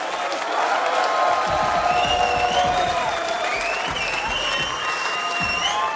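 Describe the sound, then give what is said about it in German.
Sustained audience applause for all the performers at a Gstanzlsingen event, a dense, steady wash of many hands clapping at constant loudness, with a few whistles rising above it and crowd voices mixed in. “Applaus für alle Mitwirkenden.”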